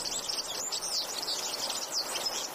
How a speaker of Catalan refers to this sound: Gafarró, Serinus serinus. Au amb tonalitats groguenques que viu tot l'any als camps i zones de conreu.